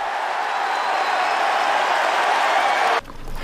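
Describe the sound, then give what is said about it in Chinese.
A large audience at a French Open first-round men's singles tennis match claps for 41-year-old Swiss player Wawrinka, playing de Jong, in a loud, dense, steady wash of applause for about three seconds, then the sound cuts off abruptly to near quiet. “现场观众为他献上掌声，为老将的拼搏呐喊助威。”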